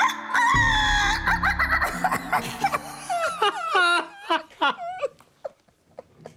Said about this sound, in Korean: 이쯤 되니까 너무도 이상했습니다. 낮에는 닭털 하나 보이지 않는 아파트였는데 도대체 이 닭 소리는 어디에서 오는 걸까?